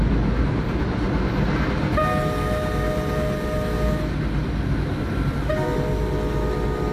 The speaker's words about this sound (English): Now, 10 points to you if you can tell that we're on a New Jersey Transit commuter train from that horn.